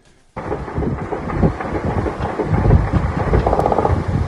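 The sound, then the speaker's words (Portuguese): A heavy, continuous roar of several helicopters with rapid low rotor thumping, steady and loud throughout, with scattered gunshots mixed into the din, heard in the morning during an operation in communities of the south zone of Rio de Janeiro; no voices. “Foi com esse som de vários helicópteros e disparos que a população do Rio de Janeiro acordou novamente.”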